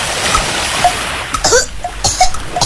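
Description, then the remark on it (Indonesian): Water churns and splashes as someone jumps into the sea, with a couple of sharper bursts of splashing over a steady wash of noise. “Tuh kan, kamu gak harus jadi paus dulu untuk ngerasain keselek sampah waktu nyebur ke laut.”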